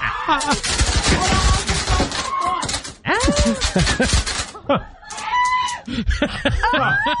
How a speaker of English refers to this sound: But this is the moment that the fireworks started going off there with the birthday cake.